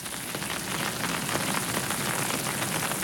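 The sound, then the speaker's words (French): Soft, steady rain patters down evenly, a continuous gentle hiss of drops with no pauses or voices, moderately quiet throughout. “Maintenant, il pleut tout doucement.”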